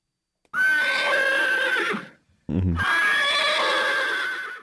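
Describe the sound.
A horse whinnies loudly, two long shrill neighs separated by a brief low, fluttering snort, with no voices present.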